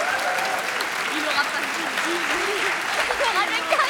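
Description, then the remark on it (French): Sustained game show audience applause for contestants who chose to stop rather than risk their winnings, a dense steady wash of clapping throughout, with faint voices and cheering mixed underneath. “Vous vous arrêtez, on vous applaudit chaleureusement.”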